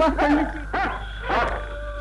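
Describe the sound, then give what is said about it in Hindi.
A dog barks three times, the first bark drawn out and the others shorter, spaced unevenly over a low steady hum with no talking. “मुझे तो कुत्तों से बहुत डर लगता है।”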